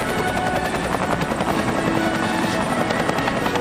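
Military helicopters of an air assault echelon, armed helicopters escorting transport helicopters carrying two companies during a field military parade, roar overhead in a steady, dense wash of rotor and engine noise, loud and unbroken for the whole stretch, with a faint rhythmic thudding from the blades.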